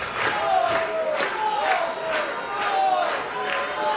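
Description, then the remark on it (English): A raucous baseball crowd in a ballpark at night roars steadily during ninth-inning drama, its noise surging in a rhythmic beat about twice a second, with shrill sliding whistles cutting through the din. “It was a raucous crowd here tonight.”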